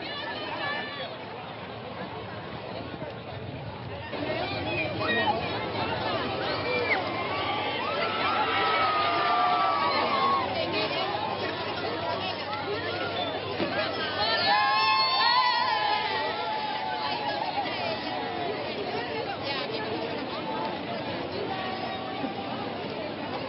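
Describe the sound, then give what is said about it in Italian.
A large crowd in Tenerife, Spain, welcoming Pope Leo cheers and shouts continuously, with excited voices rising and falling in a dense, joyful roar that swells around the middle before settling back into steady cheering. “Proviamo a sentire anche il canto che sta accogliendo, e quello è l'inno di questa giornata, è appena terminato, ma viviamo lo stesso la gioia delle persone che sono a Tenerife per abbracciare Papa Leone.”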